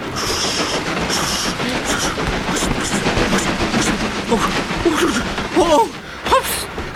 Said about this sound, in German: Die alte Strecke ist hier wirklich sehr schadhaft. Thomas holpert und hüpft auf dem buckligen, wackligen Gleis. Seine Waggons springen wie bockige Pferde.